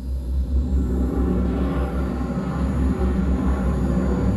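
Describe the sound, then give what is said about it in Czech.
A spaceship's braking engines roar as the ship is guided in to land on a plain before a city, a deep, continuous rumble, loud, holding steady throughout with a dense low-end drone and no voices. “Smysly, zážeh brzdících systémů. Provedu, pane kapitáne. Navádíme loď na přistání.”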